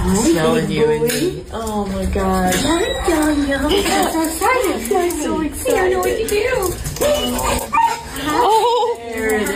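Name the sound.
small dog barking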